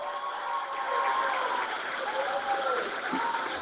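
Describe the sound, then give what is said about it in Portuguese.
An audience applauds steadily throughout, a dense, even wash of clapping hands with faint voices mixed in beneath it, holding at the same moderate loudness from start to finish; the applause is for the mayor, Robério Oliveira. “Uma salva de palmas para o prefeito Robério Oliveira.”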